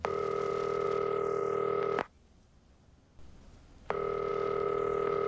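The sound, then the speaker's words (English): A telephone ring tone heard down the line as a call to the caller's mother goes unanswered: two long, steady electronic rings separated by a couple of seconds of quiet, with nobody picking up and no voices. “When I did call, Mama didn't answer.”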